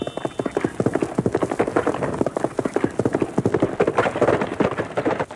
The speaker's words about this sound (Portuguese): O nosso acervo preserva alguns desses sons produzidos na época áurea das radionovelas, como o som de um cavalo a galope, muito usado em Jerônimo, o Herói do Sertão.